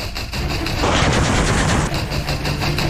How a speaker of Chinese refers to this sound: 在侦察小组引导下，直升机对目标实施火力打击，消灭了蓝军火力点。